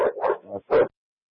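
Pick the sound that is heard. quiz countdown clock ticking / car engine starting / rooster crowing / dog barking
dog barking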